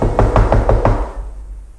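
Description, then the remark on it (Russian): Five firm, evenly spaced, loud knocks on a wooden door by a visitor who has stopped in front of it, followed by a fading low rumble and near silence. “Гость остановился перед дверью и крепко постучал.”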